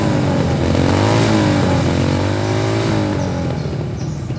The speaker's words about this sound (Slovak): No frasa, kde sa tu berú motorky? Hej, vy tam! Čo je to tu? Motocyklová rally?